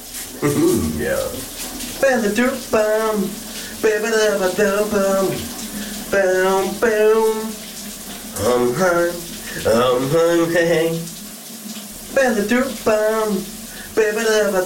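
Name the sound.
shower water running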